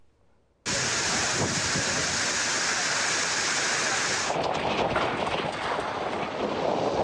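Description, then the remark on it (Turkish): A sudden, loud roar of a heavy downpour with hail and storm in Manisa bursts in after a moment of quiet and pours on steadily, dense, with a slightly rougher, lower rush toward the end. “Manisa'yı sağanak, dolu ve fırtına vurdu.”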